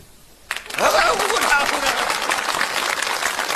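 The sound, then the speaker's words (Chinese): An audience bursts into applause after a short quiet moment, the clapping dense and steady until the end, with a brief voice or cheer rising near the start. “鼓掌！看这回他怎么说话啊！”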